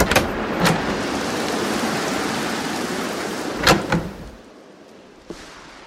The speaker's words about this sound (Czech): Mraky tenkrát ležály na samejch verškách a lilo a cedilo kalounem. No futeř hrozná a vůbec daremnej čas.